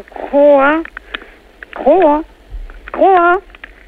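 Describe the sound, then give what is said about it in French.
An Argentine horned frog (Ceratophrys ornata) croaks three times over an amplified phone line: loud, drawn-out, low moaning calls that waver up and down in pitch, evenly spaced with short pauses and a thin, tinny tone. “Alors, ça, c'est une Ceratophrys ornata.”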